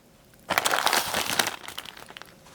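A plastic bag of puffed rice snacks, tucked under an arm, is rummaged by bony fingers. It rustles and crinkles in a dense burst for about a second, then trails off into lighter, scattered crackles. No one speaks.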